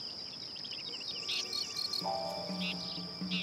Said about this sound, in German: Mit lautem Zirpen versucht dieses Feldgrillenmännchen, ein Weibchen anzulocken.